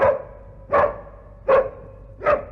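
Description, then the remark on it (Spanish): A dog barks four times in a steady, evenly spaced rhythm, each bark short and fairly loud, with no talking around it. “Muy buenas tardes, señor perro.”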